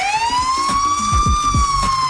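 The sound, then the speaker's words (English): A police siren wails loudly in one long, slowly rising tone, with low rumbling thumps underneath and no voices, heard by a driver making a left onto 75th who is then pulled over. “Make a left on 75th, and I hear this.”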